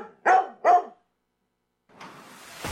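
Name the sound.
dog barking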